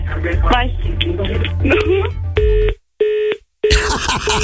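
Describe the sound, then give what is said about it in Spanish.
A steady telephone tone sounds in three short bursts separated by brief silences, like a busy signal after the other party hung up, following a stretch of background speech. “No manches, ya colgó.”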